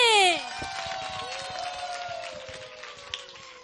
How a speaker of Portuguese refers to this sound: essa salva de palmas está fraco. Será que ela merece ou não merece?